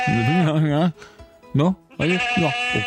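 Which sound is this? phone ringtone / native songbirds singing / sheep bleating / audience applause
sheep bleating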